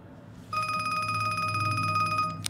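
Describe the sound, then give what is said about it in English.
A mobile phone rings with a steady, rapidly trilling electronic tone for about two seconds, fairly loud, then stops with a short sharp click as the call is answered; the caller is the phone owner's father. No one speaks. “Hello, Dave's phone. May I ask who's calling?”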